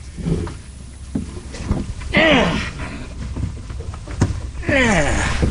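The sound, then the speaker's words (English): A man clambers aboard a lobster boat in the morning: scattered thumps and knocks against the hull over steady water and wind noise, with a couple of short strained vocal grunts along the way. “Well, my boat ready to get aboard the boat. If I can get up.”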